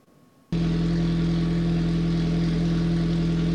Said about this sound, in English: For the Warner family in Pierce, the roar of an engine isn't just background noise.